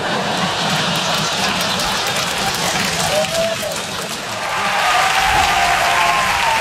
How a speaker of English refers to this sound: All right, woo! That is what I like to hear. That is the lady cheer. Woo! Sounds like more of a mating call at this point, but woo! It's the girl cheer. It's what girls do to let you know we're here, we're ready to go.